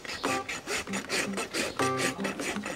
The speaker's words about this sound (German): Jetzt noch mal insgesamt stark überraspeln und eine gute Zehenrichtung geben, dass er schön abrollen kann.